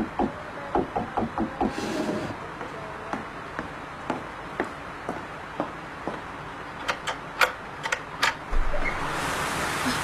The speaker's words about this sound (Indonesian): Aduh, siapa ya? Malam begini ngetuk pintu.